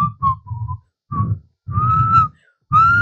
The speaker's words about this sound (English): They say, if you dey whistle for night, you dey call sneak.